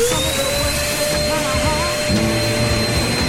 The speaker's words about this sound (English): Are these the OG versions? These are the original of songs, okay, but with someone hoovering over them, okay? We're going to be terrible. Listen at this to this. Listen to it. Try and factor out the hoovering.